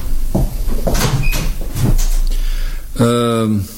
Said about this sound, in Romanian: Închide ușa acum.